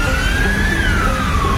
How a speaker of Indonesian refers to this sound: Nah, ini nih kesempatan. Ikutin belakang ambulans aja deh biar cepet.